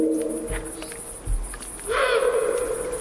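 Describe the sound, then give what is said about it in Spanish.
A female eagle owl (búho real) at the Portilla del Tiétar in Monfragüe gives a harsh, rasping, almost bark-like call that swells in the second half, with an earlier low hoot and a steady high insect trill throughout. “Esa es la búa. ¿Ah, sí? Es casi un ladrido a veces.”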